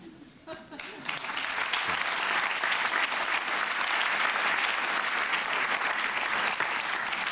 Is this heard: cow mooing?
no